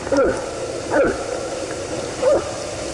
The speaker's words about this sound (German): Ja, irgendwie so ein kleines Schlucken hier, ne? Ist aber ein Elch. Es hat sich herumgesprochen, dass es auch hier bei uns in Brandenburg immer wieder Elche gibt.